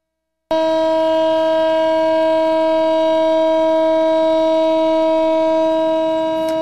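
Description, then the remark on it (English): A loud civil defense siren in Tel Aviv blares in a steady, unbroken tone for one minute, marking three years since the October 7th attacks. It starts abruptly after a brief silence and holds constant without wavering, with no voices present. “So a siren that actually sounded for 1 minute in Tel Aviv today, marking 3 years since the October 7th attacks.”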